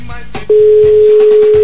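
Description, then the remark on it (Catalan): A steady, loud telephone line tone from a call being placed at a radio station to a listener starts abruptly after a brief moment of background noise and holds unbroken to the end, with faint voices murmuring beneath it. “Dos tons.”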